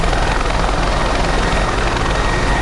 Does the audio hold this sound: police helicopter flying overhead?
yes